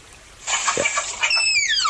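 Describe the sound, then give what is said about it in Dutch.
A tapir's whistling call: a breathy, hissing burst followed by a thin, high whistle that slides steadily downward in pitch, fairly loud, with no talking. “Ja, hij fluit.”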